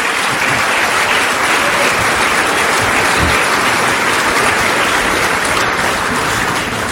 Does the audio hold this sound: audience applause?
yes